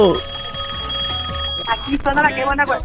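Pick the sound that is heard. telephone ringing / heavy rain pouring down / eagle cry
telephone ringing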